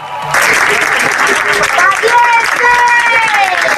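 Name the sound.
applause and cheering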